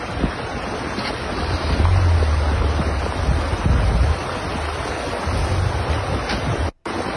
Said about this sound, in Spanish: pero vea nada más, lleva demasiada agua este río.